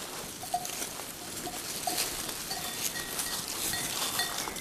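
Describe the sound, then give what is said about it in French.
A herd of mohair goats from a goat farm moves outdoors on the slopes of the modest Cabanère summit, 753 metres high, circling around, with faint scattered bleats and light bell tinkles over a steady rustle of hooves and vegetation, and no one speaking. “curieuse et attirée par ma présence, un élevage de chèvres mohaires.”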